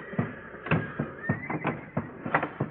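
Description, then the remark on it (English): Old or sick horses, bolted into their stalls in a barn set on fire with straw, whinny and neigh in repeated, overlapping bursts with shrill pitch sweeps. Panicked cries rise and fall over a low rumbling background. “They're beginning to yelp good now. I guess they know what's up.”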